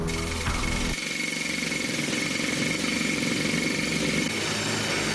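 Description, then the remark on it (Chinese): A loud, steady mechanical drone of a drill boring into rock runs unbroken for the whole stretch, grinding, with no one speaking; geological inspection staff drill holes into the tunnel rock walls on both sides of a hard-rock tunnel boring machine, near the excavation face. “在靠近隧道掘进岩面方向的位置，地质检测人员正在硬岩掘进机两侧的岩壁上钻孔。”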